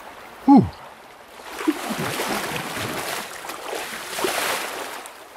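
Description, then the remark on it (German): The Kamp river in the Waldviertel, carrying little, cold residual water, flows with a steady rushing babble that swells in after a brief high tonal chirp at the start, then continues evenly to the end. “Leider wenig Wasser hier, weil es Restwasser ist, aber dafür ist schon kalt.”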